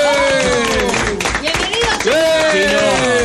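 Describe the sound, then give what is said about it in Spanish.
Steady, dense applause on Radio Continental's morning show welcoming 1986 World Cup champion Chino Tapia, a loud crackle of many hands clapping at once, with voices calling and cheering over it. “El aplauso.”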